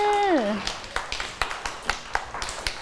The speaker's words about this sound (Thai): เด็กๆปรบมือเลยค่ะเก่งมากค่ะ